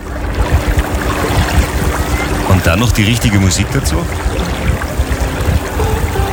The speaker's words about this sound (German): Da haben wir uns das Motorboot und sind da eine Stunde am Mondsee rumgefahren und das ist einfach schön. Und dann dieses Geräusch von diesem Glucksen des Wassers.